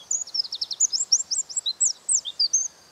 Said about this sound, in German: Der Zaunkönig ist ein wahres Stimmwunder.